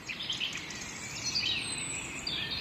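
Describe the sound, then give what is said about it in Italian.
Many birds sing and chirp together between 6:19 and 6:42 in the morning, in a steady, overlapping chorus of high-pitched trills and tweets, with a soft background hush and no voices. “E mi sembra bello pensare che qui e ora il traffico sia un traffico di canto d'uccelli che posa su tutto un velo di calma.”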